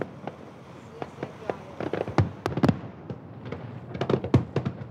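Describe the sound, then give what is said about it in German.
Fireworks over Hamburg, heard from a ship among boats with strings of lights, burst in a rapid, irregular series of sharp bangs and crackles, some loud and booming, others lighter pops, over a low steady rumble with faint voices underneath. “Pünktlich zum Feuerwerk, so lieben es Japaner und Deutsche, spielt auch Petrus wieder mit.”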